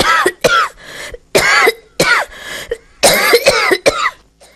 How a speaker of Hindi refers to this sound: खैर, उसने दरवाजे को जोर से धकेला तो बरसों की जमी धूल उस पर छिटक कर गिर पड़ी। चलो, किसी ने गले लगाकर स्वागत तो किया। वो हंसा तो धूल मुंह में घुस गई और वो खांसने लगा।